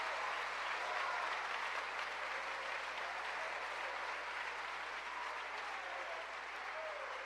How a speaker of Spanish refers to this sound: ¿Cuánto bendicen el nombre del Señor? ¿Cuánto le dan un aplauso a la misericordia y al amor de Dios?